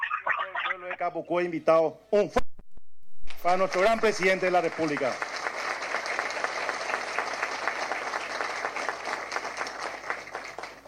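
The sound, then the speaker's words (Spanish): A man, the municipal mayor, asks the people of Capucú to give a strong round of applause for the president of the Republic. The crowd then breaks into loud, sustained applause, dense clapping filling the space for several seconds as his voice fades beneath it. “Como intendente municipal, he soñado este momento de recibir como intendente, a usted, señor presidente de la República, mi señora esposa, y pido a todo el pueblo de Capucú invitado un fuerte aplauso para nuestro gran presidente de la República.”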